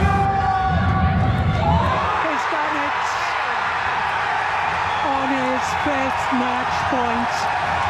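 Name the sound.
stadium crowd cheering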